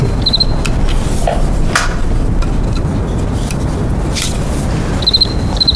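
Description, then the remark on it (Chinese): A cricket chirps in two short, rapid pulse trains, one near the start and one near the end, over a steady, noisy background with scattered knocks. “我就对这个感兴趣。 嗯，蛐蛐。”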